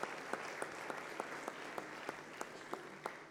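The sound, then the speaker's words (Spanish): An audience applauds steadily for a couple celebrating 10 years of marriage, a dense wash of many hands clapping with a few sharper, louder claps standing out at irregular moments. Moderately quiet overall, with no talking. “Les damos un aplauso, por favor.”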